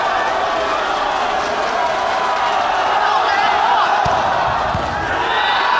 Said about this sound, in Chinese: 在现场观众疯狂的加油助威声当中呢，陆成成发出了一记 ace。